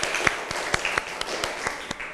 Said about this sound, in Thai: ปรบมือดังๆให้เพื่อนอีกหนึ่งครั้ง